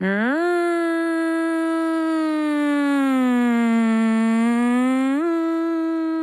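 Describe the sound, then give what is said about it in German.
A voice imitates a civil-defence alarm siren, the one-minute rising and falling howl that signals danger: a loud sustained howl that rises, sags slowly over several seconds, then lifts again before the end. “Wenn ihr dann 1 Minute einen auf- und abschwellenden Heulton hört, das ist der Alarm.”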